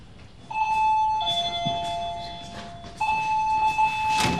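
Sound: doorbell ringing repeatedly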